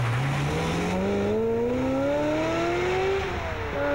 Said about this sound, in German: Und dann kam ein Auto und hat ihn umgefahren. Und das Auto ist einfach weitergefahren.